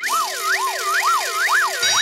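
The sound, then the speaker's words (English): A loud siren-style warning effect signalling the upcoming Happy Hour pop puzzle wails alone, its pitch sweeping up and down in rapid, regular cycles, with two overlapping tones and a bright hiss on top. “And that warning sound tells us that our fiendishly difficult Happy Hour pop puzzle will be coming your way right after the next track.”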